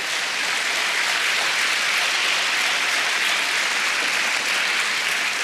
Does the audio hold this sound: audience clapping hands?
yes